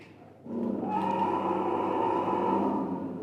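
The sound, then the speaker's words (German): A deep, drawn-out mechanical roar from a moving Allosaurus dinosaur figure, bought from America, kicks in abruptly as it rises and holds steady at full volume for a few seconds, loud, with no one talking over it. “Denn der hat auch, der kann auch brüllen.”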